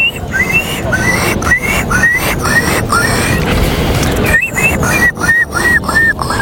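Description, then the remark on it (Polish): A person whistles an imitation of a seagull: short, high, wavering calls repeated in two quick bursts with a pause between, over a steady rushing background noise. “To była mewa, tak.”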